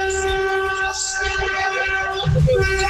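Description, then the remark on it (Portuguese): Many car horns honk together in a buzinaço, a collective horn-honking event, in a loud, steady, continuous blare that holds for the whole moment, with muffled voices and rumbling noise underneath. “Acabou o nosso buzinaço.”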